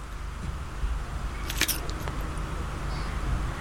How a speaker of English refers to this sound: That was a crunching bit. The initial crack is quite important, I suppose. The initial crack.